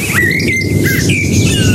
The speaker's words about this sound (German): in Elisas Garten, zwitschert eine Amsel unsere Antenne Bayern Melodie